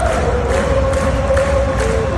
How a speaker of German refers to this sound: Mehr als einmal hatte ich Hühnerhaut, wenn die ganze Arena zusammen singt während dem Match.